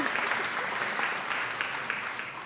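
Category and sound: crowd, audience applauding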